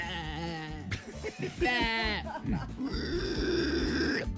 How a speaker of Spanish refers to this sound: Ahí sonó la vaca